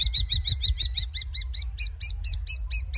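A small cavity-nesting bird calls in a rapid, steady series of bright, high chirps, about five or six per second, loud, over a low background rumble.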